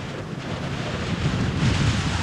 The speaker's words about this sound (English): Here it comes, the full blast of the storm.